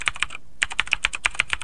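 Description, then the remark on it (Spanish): Rapid clicking of keys on a computer keyboard, a quick burst of taps, a brief pause, then a steady run of crisp keystrokes with no voices. “Teclado. Bien.”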